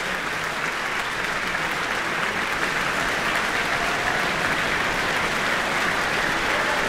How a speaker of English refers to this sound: Not only the audience, but the orchestra applauding Li Weiqin as well.